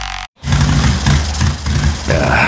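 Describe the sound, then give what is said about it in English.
A motorcycle engine sputters on a cross-country trip in loud, low rumbling surges that rise and dip unevenly, after a brief cut-out near the start, with no voices. “Bike sputtering on me.”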